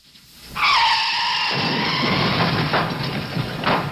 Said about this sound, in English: That car crash into Molly's Reach is the biggest stunt ever tried by the Beachcombers.